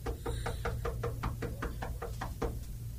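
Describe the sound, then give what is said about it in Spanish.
Rapid knocking on the door of a home, about a dozen sharp raps in a steady rhythm, over a constant low hum, with no voices. “Vaya, que espera a vos, toca la puerta, animal.”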